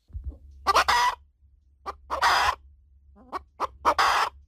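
Hens cluck and squawk in a series of loud, harsh bursts, several calls coming in irregular clusters, with a low steady rumble underneath and no talking; in the afternoon the hens return to the henhouse door of a farmhouse to be shut in and fed barley or maize.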